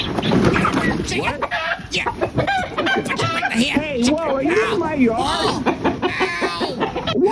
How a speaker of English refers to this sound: Your chicken just pecked me right in the keister.